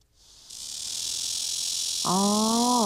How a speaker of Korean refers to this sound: 자, 이제 맴맴맴맴에 이어서 다소 시끄러운 친구가 등장을 합니다. 두 번째는 말매미인데요.